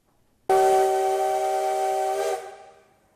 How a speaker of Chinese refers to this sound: 随着汽笛声响起，浓浓黑烟升起，花莲玉里火车站的月台瞬间变成了铁道迷朝圣的现场。有人拿起了相机捕捉蒸汽火车进站的瞬间